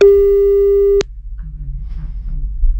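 A single steady, mid-pitched telephone beep holds for about a second, then cuts off abruptly with a click, leaving a faint low rumble and murmur.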